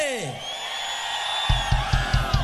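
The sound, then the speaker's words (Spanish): Men in an audience roar and whoop together in a loud, sustained cheer, answering a call to shout as loudly as they can, with rhythmic thumping like stomping or pounding joining in partway through. “Vamos a ver, hombres, no me van a quedar mal, vamos a gritar de aquí a San Cristóbal por lo menos. ¿Sí? ¿Sí va? ¡Una bulla de los hombres que se escuche!”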